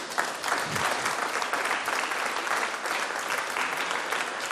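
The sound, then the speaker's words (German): A crowd at the fifth Pentecost festival in Hilders applauds those who have attended every time, many hands clapping in a dense, continuous patter that holds at an even level for several seconds. “Und sogar mal Applaus für alle, die schon immer dabei waren.”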